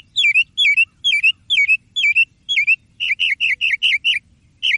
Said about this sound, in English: A thrush is singing, then a thrasher, then a jay. Then, all at once, a cat begins meowing. A mockingbird can sound like anything. He imitates the world he drove away so well that, for a minute, in the moonlight, which one's the mockingbird?